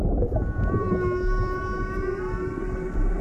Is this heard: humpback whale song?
yes